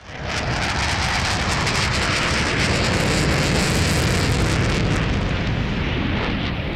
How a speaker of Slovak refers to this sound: To bola letiaca včela. Áno, takto počujú bežné zvuky detí s autizmom, ktoré sú hypersenzitívne.